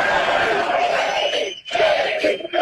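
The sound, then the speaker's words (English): A large, fired-up crowd at a J.D. Vance speech chants loudly in unison, roaring his name in two bursts separated by a brief pause, the sound dense and energetic throughout. “I gotta say, it's pretty cool to hear a crowd that is this fired up chant your name.”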